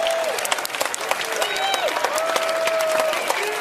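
Dense, steady applause from an audience, a continuous wash of many hands clapping with a few whistles rising above it, sustained at an even loud level throughout.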